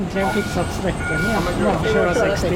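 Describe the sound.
A tram pulls in and stops at a tram stop near the central station in Gothenburg, Sweden, its steady electric whine and a high tonal beep holding over low rumbling, with voices murmuring underneath.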